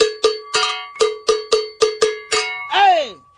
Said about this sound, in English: Now this type of bell, they come in different like high pitch, medium pitch, low pitch. You can hear how low this is.